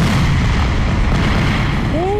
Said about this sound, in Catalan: I els petards. Petards! Ai, a mi passa'm un supertrueno, que el ficaré a una bústia.